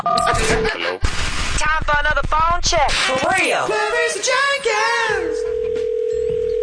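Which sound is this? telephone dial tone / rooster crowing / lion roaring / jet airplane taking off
telephone dial tone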